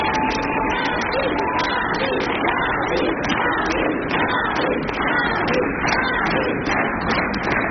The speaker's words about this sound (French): et ça commence toujours par des applaudissements.